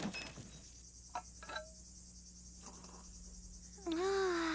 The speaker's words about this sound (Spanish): Es tan tranquilo aquí. Solo nosotros y el ruido de los grillos.